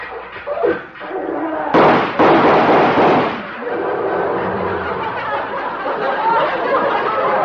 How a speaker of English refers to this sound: He's come over to see me in his tractor.